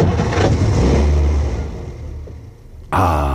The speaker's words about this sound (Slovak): Myslím, že to bude v poriadku, pán profesor. Chcelo to len menšiu údržbu. Počúvajte, ako krásne naskočí motor.